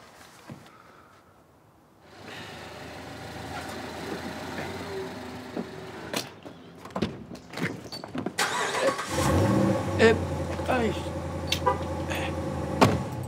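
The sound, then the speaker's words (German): A new car's engine turns over and catches, then idles with a steady hum, punctuated by mechanical clicks and knocks as it runs louder toward the end. No one speaks. “Mein neues Auto. Noch ein bisschen gewöhnungsbedürftig.”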